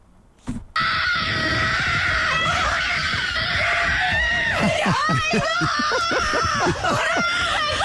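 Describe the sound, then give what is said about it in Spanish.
A woman screams loudly and almost nonstop in high, wavering cries of joy on learning she has been nominated, breaking into sobbing, quivering wails toward the end after a brief bump at the start; she jumps, cries and hugs the housekeeper. “Salta, grita, llora, se abraza con la empleada de la casa.”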